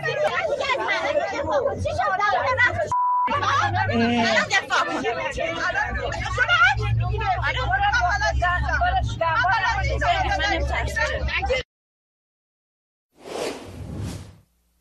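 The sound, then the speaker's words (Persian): Several people talk and argue loudly over a steady low engine rumble inside a moving city bus in Mashhad, Iran, where a government supporter clashes with women over compulsory hijab, then it cuts to silence before a brief whoosh. “ویدیویی رسیده به ایران اینترنشنال نشون میده یک حامی حکومت در یک اتوبوس شهری در مشهد با زنان درگیر شده و بعد از اون که متوجه میشه یکی از اونها در حال فیلم برداری است، به سمت او حمله ور میشه.”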